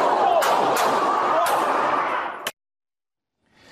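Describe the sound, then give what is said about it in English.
A police officer in a hallway fires his gun several times as a dog named Jameson comes toward him, about four sharp cracks at uneven intervals over a loud, harsh roar of noise, which cuts off abruptly into silence after the last shot. “who then fired his gun several times”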